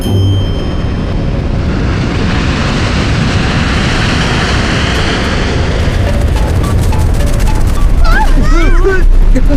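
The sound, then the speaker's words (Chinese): A loud, steady passenger aircraft engine roar fills the whole clip as engine number two fails after a bird strike, turning rough with crackling, sputtering bursts in the second half, and a few warbling high tones near the end. “各位旅客大家好，请各位立即系好安全带，由于刚刚有小鸟撞上二号引擎，现在二号引擎也发生了故障。”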